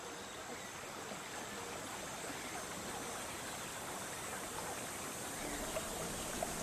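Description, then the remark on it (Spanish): A river stream in the middle of a forest, with a tub in it lit by sunrays, in a Netflix series scene, flows steadily, its continuous rushing and burbling water filling the scene at an even, moderate level with no voices present. “En medio de un bosque, una tina dentro de un río iluminada por los rayos de sol que se cuelan entre las ramas de los árboles.”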